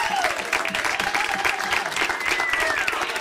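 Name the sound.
loud applause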